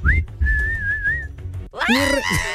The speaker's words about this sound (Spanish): Oye, dicen que no debes silbar.